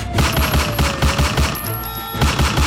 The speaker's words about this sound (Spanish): mucha atención porque ayer hubo tremenda plomacera en el norte de Cali.